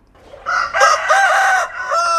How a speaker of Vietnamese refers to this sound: Tiếng gà gáy báo hiệu bình minh cũng là lúc mẻ bánh nóng hổi được vớt ra lò để kịp giao cho khách.